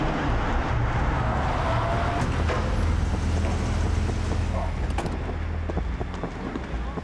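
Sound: car approaching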